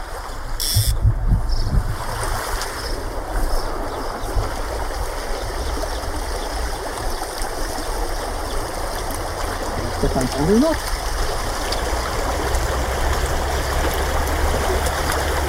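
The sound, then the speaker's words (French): A stream where someone is fishing for trout flows steadily. Its continuous rushing hiss fills the whole recording at an even, fairly loud level, with a faint voice briefly audible near the start. “Pour un ruisseau, c'est déjà des jolies truites, hein, mais elle n'avait pas la maille.”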